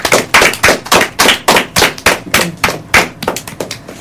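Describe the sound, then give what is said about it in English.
A group gives itself a round of applause after answering Bible quiz questions: loud, sharp hand claps, about a dozen bursts in an uneven, fairly quick rhythm that lasts several seconds, with no talking over it. “You all have done wonderfully, and I would like you to give yourself a round of applause.”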